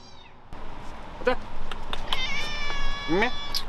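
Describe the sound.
A Ragdoll cat named Baozheng, with black fur on its face, meows a couple of times in the rain while waiting outside the door to greet the man who comes to feed the cats: short rising cries spaced over a few seconds, against a steady background hum with faint voices.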